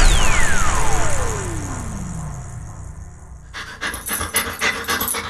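A falling tonal sweep glides down over a low rumble, then a family dog pants rapidly and rhythmically, quick breathy huffs repeating steadily until the end, in a Dog Chow advert about therapy dogs for veterans with PTSD.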